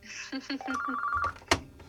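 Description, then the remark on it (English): A telephone rings with a rapid series of electronic chirping pulses that settle into a steady high tone, clear, then a sharp click cuts in near the end as the ringing is cut off. “Do you hear ringing? I do, but it's not. Oh, that's not at your end. It's at my end.”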